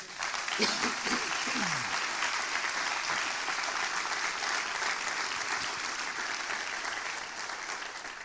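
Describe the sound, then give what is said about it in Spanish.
A crowd applauds steadily, a dense wash of clapping that holds at a fairly even level before easing slightly toward the end, with a few brief voices cutting through near the start. “Dale un aplauso.”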